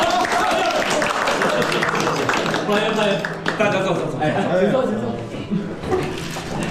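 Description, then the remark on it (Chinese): A group of people in Najiagou village breaks into steady, dense applause welcoming the rural revitalization secretary from Shanghe Yu on a visit, with voices talking and calling out over the clapping. “下了多大的雪，尚和玉的振兴书记来咱们纳家沟串门， 鼓掌。”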